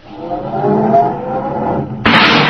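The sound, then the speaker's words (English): A car engine is started in a parking lot and rumbles and revs steadily, then abruptly shifts to a harsher, louder roar near the end as it is to be backed into parking space number 7. No one speaks. “Yeah, well, start it up, Anna, and back it over there in space number 7.”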